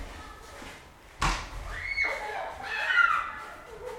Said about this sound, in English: Maybe you can hear them. Yeah, let's listen to the snow fight. Snowball fight.